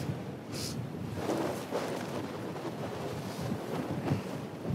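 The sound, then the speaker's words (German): Strong wind roars steadily across the microphone at the shore, with the broad wash of surf and spray running underneath, loud and constant throughout. “Ich habe auch jetzt viel Wasser auch abbekommen, weil es kommt ja auch was rüber vom Wind.”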